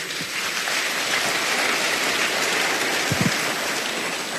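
An audience applauds steadily, a dense, even wash of clapping that holds at a constant loudness for several seconds with no voices over it.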